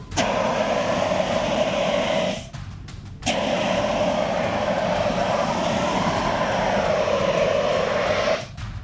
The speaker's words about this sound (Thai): คราวนี้จะใช้น้ำมันเป็นเชื้อเพลิงแต่เดี๋ยวพี่จะใช้ CO2 ฉีดดับให้ดูก่อนว่ามันดับได้จริงๆโอ้โหนะครับนี่ครับ CO2